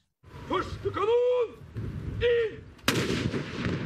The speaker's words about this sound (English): At midday, cannons fired over Oslo as a salute to the dead monarch.